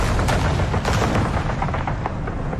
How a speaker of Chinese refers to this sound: 不久，卢沟桥的枪声响起，拉开了中国全民族抗战的序幕。